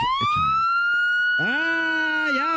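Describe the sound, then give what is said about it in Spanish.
A loud police car siren sweeps upward into a sustained wail as police pull a car over, then a second harsher electronic blast cuts in halfway through and holds steady, with no voices. “Ya valió madre, ya nos pararon.”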